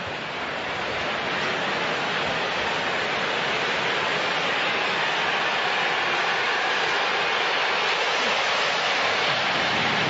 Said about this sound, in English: Here comes another one. That plane was moving. It could be loud here when those planes buzz us.